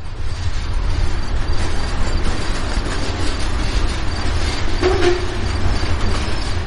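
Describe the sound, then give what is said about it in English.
A freight train rumbles steadily past, a heavy low roar with rattling cars, and a brief metallic squeal rising toward the end. No one speaks. “If you find yourself walking along a freight train, pretty much anywhere in America, there is a chance that you'll run across a drawing by Buzz Blur.”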